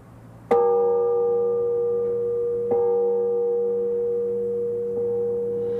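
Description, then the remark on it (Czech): The three-ton St. Wenceslas bell, from 1579 and the only original bell in the tower of the church at Starovice, tolls, struck twice with a sharp clang and then a faint third time, each strike leaving a deep, steady, humming ring of layered tones that slowly fades. “No podle zvuku bych odhadoval, že ten zvon má hmotnost několik tun.”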